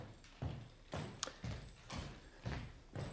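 Heavy footsteps of Ryleev and the speaker's brother Alexander strike a hard floor in a steady, unhurried rhythm, about six paces, with no voices.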